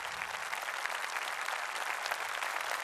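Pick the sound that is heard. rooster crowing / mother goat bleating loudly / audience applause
audience applause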